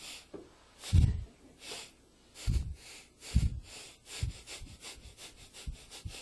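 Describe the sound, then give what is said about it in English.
Forceful Bhastrika pranayama yoga bellows breathing: sharp, noisy exhalations and inhalations in a quickening series of about a dozen bursts, with no talking. “Breathing from here, you put your water pot on this head with the ring on it, and you do your Bhastrika pranayama from here.”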